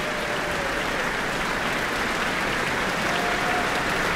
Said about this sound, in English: Cheers and applause from the Auckland Town Hall, the guest conductor, Karl-Heinz Steffens, and the Auckland Philharmonia.